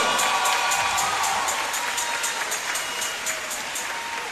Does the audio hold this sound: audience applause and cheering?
yes